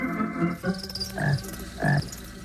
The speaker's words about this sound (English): Cicadas called, crickets chirped, and frogs croaked as the Mitchell family, loaded with picnic supplies, invaded the insects' privacy around Cottonwood Creek.